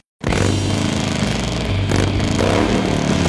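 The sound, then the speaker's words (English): A motorcycle engine kicks in abruptly and roars loud, its throaty rumble climbing in pitch as it revs, with no voices over it. “At Harley-Davidson and Xenia, we believe riding is more than just motorcycles.”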